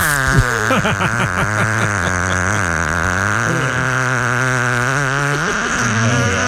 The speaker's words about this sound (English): That's the longest fart ever in the history of Guess Who's Gas.